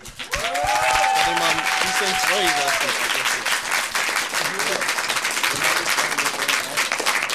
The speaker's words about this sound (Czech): Tak děkujeme a obrovský potlesk.